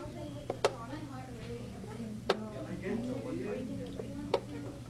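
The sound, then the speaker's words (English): Sharp, crisp clicks of a chess clock land a few times at uneven intervals as students play chess at desks in a high school classroom in Unalaska after school, standing out over a steady background murmur of several people talking. “If you listen closely, you'll hear a soft, frequent clicking among the voices.”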